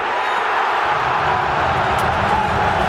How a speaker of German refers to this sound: Was aber immer bleibt, ist der Jubel.